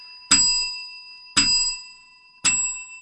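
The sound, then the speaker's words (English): A bell is rung three times, roughly a second apart, each bright, sharp strike ringing on and slowly fading before the next. No voices are heard. “You know, regular programming suspended this week because it's a special week and Mandy Warby's ringing the bell.”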